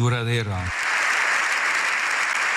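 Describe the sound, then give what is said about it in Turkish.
A voice briefly rings out before dense, sustained applause from a large crowd fills the Spanish parliament's general assembly, steady and loud throughout: a standing ovation for Pope Leo XIV after his speech there, lasting about seven minutes. “Silahla kalıcı barış tesis edilemez diyen Papa dakikalarca ayakta alkışlandı.”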